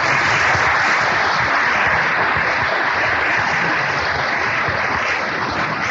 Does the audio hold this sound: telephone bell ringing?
no